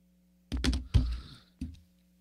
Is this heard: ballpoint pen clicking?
yes